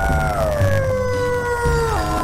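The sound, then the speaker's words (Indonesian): A dog lets out one long, drawn-out howl that slowly sinks in pitch and dips at the end, fairly loud over a low background rumble. “Jika dibandingkan dengan anjing, mereka hanya memiliki sekitar 10 jenis suara seperti menggonggong, mengeram, dan melolong.”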